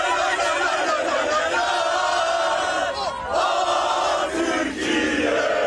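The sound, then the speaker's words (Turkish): A loud, dense crowd of Turkish football fans chants and cheers continuously while lighting flares as the Turkey national team arrives at its hotel in Vancouver, Canada; voices blend into a roaring mass with a brief dip in the middle before the shouting surges back. “Türk futbol severler kafile otele ulaştığında meşaleleri yaktı, tezahüratlar yaptı.”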